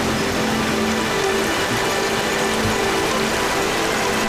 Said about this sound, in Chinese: 山中的天气反复无常，在黄岗山区域海拔1200多米的地方，雨水刚过，瀑布飞流而下，水量充裕。